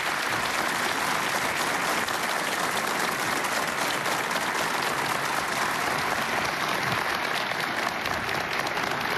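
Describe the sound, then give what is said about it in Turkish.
Sustained applause from a large audience welcoming conductor Elnara Kerimova on stage to lead the TRT Ankara Radio polyphonic choir, steady and dense with many hands clapping at once, holding at an even loudness throughout with no speech over it. “Ve şimdi TRT Ankara Radyosu çok sesli korosunu yönetmek üzere Şef Elnara Kerimova'yı alkışlarınızla sahneye davet ediyoruz.”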